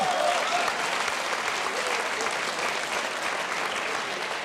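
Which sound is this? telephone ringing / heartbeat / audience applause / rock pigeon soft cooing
audience applause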